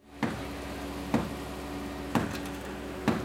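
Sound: hammer banging on concrete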